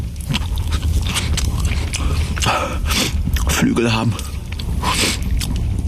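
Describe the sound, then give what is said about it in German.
Someone greedily gulps down another person's food: gulping and wet, crunchy chewing sounds keep going throughout, mixed with short smacking bites, while a person speaks briefly over the eating noise. “Du schlingst mein Essen weg wie eine Kröte eine Fliege.”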